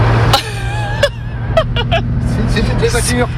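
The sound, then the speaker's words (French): Vintage car windshield wipers sweep with squeaky, whining swishes and soft thumps at irregular intervals over a steady low engine rumble inside the car, with faint murmured voices in the background. “Le bouton est venu dans les mains de Christian, donc il y avait les essuie-glaces.”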